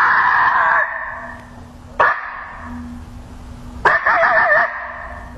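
A coyote challenge call from an electronic caller: harsh, high-pitched barks, then a short wavering howl that cuts off abruptly, played loud with no talking and a faint steady hum underneath.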